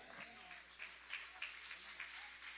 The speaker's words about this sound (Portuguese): Vamos receber o servo do Senhor com palmas bonitas e alegres que louva e exalta o Rei Jesus.